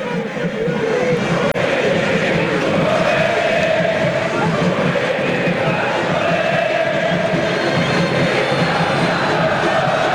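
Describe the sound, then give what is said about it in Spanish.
A football stadium crowd at a match between Argentinos and Tigre roars steadily, a dense wall of voices with chanting and cheering that stays loud and continuous throughout, with a brief sharp click early on. “fíjate esta foto del partido, Nacho, y escuchá a la gente.”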